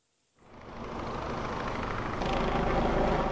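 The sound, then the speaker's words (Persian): Helicopter rotors drone overhead as helicopters circle over a quiet residential neighborhood in Utsunomiya, Japan, in a dense, steady mechanical roar that starts after a brief silence and swells louder toward the end, with no voices. “صدای چرخش هلیکوپترها بر فراز منطقه، نخستین نشانه‌ای که به باشندگان یک محله آرام در شهر اوتسونومیای ژاپن هشدار داد اتفاق غیرعادی در جریان است.”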